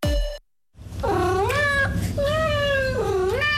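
A cat meows in long, drawn-out, wavering cries, loud, after a brief tone and a moment of silence; no one speaks.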